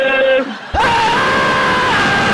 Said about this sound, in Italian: E lasciami gridare.